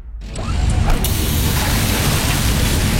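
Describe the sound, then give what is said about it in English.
A hydraulic hose bursts with a sudden sharp rupture, then a loud, steady rushing hiss of escaping fluid continues without letup for several seconds. “Oh, busted hose.”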